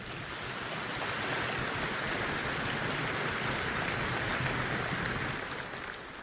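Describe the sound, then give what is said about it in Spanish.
A crowd of men at a religious gathering claps loudly and steadily for several seconds, a dense, crackling wash of many hands with no break, fading slightly at the very end. “Y los hombres de Dios le dan un aplauso bien fuerte al Señor.”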